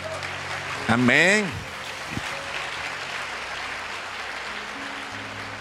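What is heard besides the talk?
audience applause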